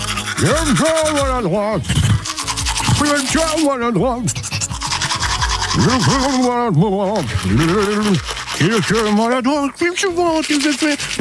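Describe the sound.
A voice imitates a manual toothbrush brushing, with rapid, warbling back-and-forth vocal sweeps repeated in bursts for several seconds, loud.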